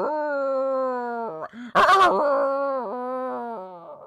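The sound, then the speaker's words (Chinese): A human voice imitates a small hunting dog howling up at the moon like a wolf, with one long, wavering, drawn-out cry that breaks into a harsh, rough burst midway, then continues as a rising and falling wail. It is fairly loud. “怎么的，突然间呢，这只小细犬是仰脖冲着天上那个月亮就开始吼上了呀，笑上了呀。哎呀，就像是只狼似的，圆月间这狼一看到月亮就吼就笑，这狗跟他一样啊。”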